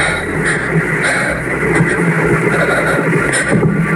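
A drone flies overhead, its engine a steady, loud buzzing drone that holds constant for the whole few seconds, with no voices.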